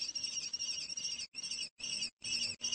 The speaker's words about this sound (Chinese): 听到小红隼的叫喊，乌鸦有些犹豫，最终它飞走了。可能这些幼鸟太大了。